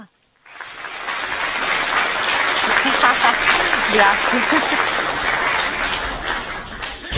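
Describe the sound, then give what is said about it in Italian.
Sustained audience applause, a dense wash of many hands clapping at steady loudness for several seconds, with a voice speaking briefly over it. “Il single, la sigla, hai visto l'applauso, anche la sigla troppo forte”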